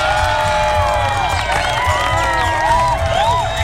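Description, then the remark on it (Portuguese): An audience applauds and cheers loudly and without pause, a steady roar threaded with high whoops and swooping whistles throughout. “Nossos aplausos.”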